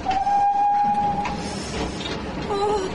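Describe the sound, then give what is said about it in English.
A train rumbles loudly and steadily along the rails as it runs through a long cutting between rising embankments and into a tunnel, a long whistle sounding over the din for about a second, then a shorter whistle blast near the end. “The embankments are rising either side of the train. Oh, indeed they are. There is a long cutting, then in we go.”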